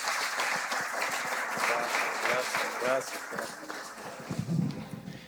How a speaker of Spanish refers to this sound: El Señor corta la cinta y agradecemos a los padrinos que nos han ayudado con esta obra tan linda de las estaciones. Un aplauso, Dios les pague.